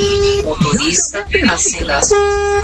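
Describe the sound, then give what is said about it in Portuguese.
A vehicle horn blares in two steady, sustained honks, one at the start and one at the end, with excited voices talking loudly in between. “Buzina aí, buzina aí, buzina aí.”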